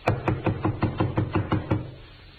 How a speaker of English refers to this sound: Hey, you down there. What are you doing there? Knocking and banging, banging and knocking. Stop making so much noise.